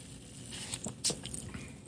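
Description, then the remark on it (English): Fizzing from a Rocket Fizz Kalamazoo carbonated drink in a glass: a steady, soft crackle of tiny pops and hiss, with a few sharper bright snaps standing out, and no voices. “It's still fizzing. I'm not sure if you guys can hear it.”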